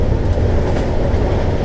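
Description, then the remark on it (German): A train rolls into a station platform with a loud, steady, low rumble that fills the short clip, heavy, with no voices over it. “So, bitte Achtung an der Bahnsteigkante. Ein Zug kommt an.”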